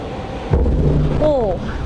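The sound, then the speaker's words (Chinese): A single deep explosion from a large hydrogen blast test at a laboratory's large-scale explosion test site, ignited after a countdown and heard from inside a reinforced concrete building: a heavy low-pitched boom followed by a sustained rumbling roar, with a brief voice-like exclamation rising over the rumble near the end. “为了让材料和部件都能经受这样的硬核测试，实验室呢也是搭建了这样一个大型燃爆测试现场，这也是国内氢能领域少数能够进行大型燃爆的测试和研究平台。”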